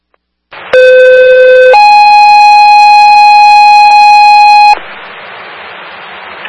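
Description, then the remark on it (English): Loud fire dispatch alert tones over a radio for a Franklin Fire medical alarm sending engine 2 and ambulance 3 to a sick person at the YMCA, 45 Fort Hill Road: a brief steady lower tone jumps to a longer, higher sustained tone, then cuts off into a soft hiss of radio static. “That's Franklin Fire, medical shift alarm, engine 2, ambulance 3, 45, Fort Hill Road, the YMCA, sick person.”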